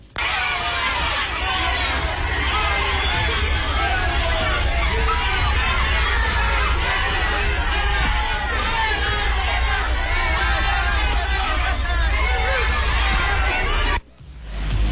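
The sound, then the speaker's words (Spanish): A dense crowd of protesters at an airport shouts and chatters loudly for about fourteen seconds as Morena leaders Ariadna Montiel and Andrés Manuel López Beltrán arrive, with overlapping raised voices forming a steady roar over a low rumble, before cutting off abruptly near the end. “Al llegar al aeropuerto, Ariadna Montiel, la dirigente de Morena, y Andrés Manuel López Beltrán, secretario de organización, fueron recibidos así por manifestantes.”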